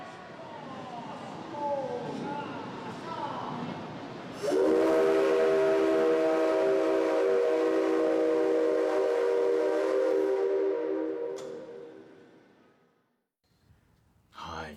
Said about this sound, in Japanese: あの実際聞くと、もうとんでもないボリュームなんですけれども、あの今日はあのその録音があるということで、ちょっと一回聞いてみてください。 それでは機関士さん、汽笛をお願いします。